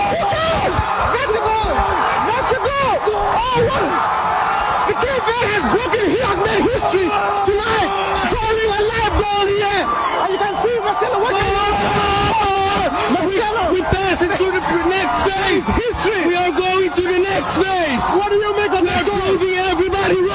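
A dense crowd in Cape Verde roars and cheers without pause as Cape Verde scores its first-ever World Cup goal, heard during a BBC live interview; voices whoop, wail and shout over one another at a steady, loud level, with celebratory yells rising out of the constant babble.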